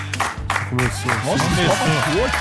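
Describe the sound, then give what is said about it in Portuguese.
Steady crowd applause with scattered cheers and whoops, loud and continuous for a couple of seconds, with excited voices rising over the clapping. “A salva de palmas pra mim.”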